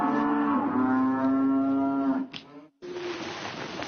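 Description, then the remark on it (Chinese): A cow on a cattle farm, being driven back by herding workers toward evening, gives a long, loud, drawn-out moo with a steady droning pitch for about two seconds, a brief pause follows, then another low moo begins. No one speaks. “临近傍晚，在外放牛的工人终于赶着牛回来了”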